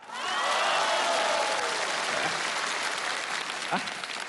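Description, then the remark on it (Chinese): An audience bursts into sustained applause after a doggerel poem is recited, a dense wash of clapping that swells quickly and holds steady for several seconds, with a few faint cheers mixed in. “这您还给鼓掌呢？”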